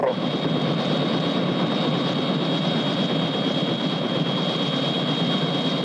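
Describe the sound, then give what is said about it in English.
The President's helicopter, a chopper sent to pick someone up, roars in a steady, unbroken drone, with a thin high whine running over the dense low rumble and no change in loudness throughout. “President, isn't that your helicopter over there?”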